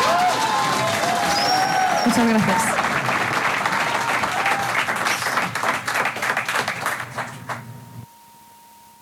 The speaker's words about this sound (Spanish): Quiero que por favor le den un aplauso muy fuerte.